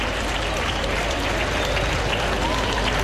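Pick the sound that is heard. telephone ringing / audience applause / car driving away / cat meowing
audience applause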